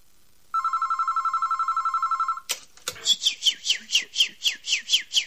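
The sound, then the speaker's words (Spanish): A phone message notification tone sounds: a buzzy electronic trill for about two seconds, then a rapid string of bright, descending bird-like chirps repeating in a steady rhythm. “Tenés un mensajito.”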